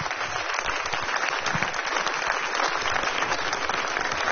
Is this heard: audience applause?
yes